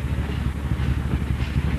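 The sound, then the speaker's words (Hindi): A train rumbles steadily along the rails, a dense low-pitched roar with faint rhythmic clatter and a light hiss on top, continuous and fairly loud with no voices. “गाड़ी हकी तो सही,”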